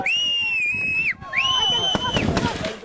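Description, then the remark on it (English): A few sharp gunshot cracks burst out in quick succession near the end, following two long, loud, high-pitched wailing tones, with voices shouting in a chaotic scene: Israeli security forces firing at Palestinians during clashes around Tel village, south of Nablus. “Footage from the scene around Tel Village shows chaos, with several people on the ground and Israeli security forces firing at Palestinians as more than a dozen gunshots are heard.”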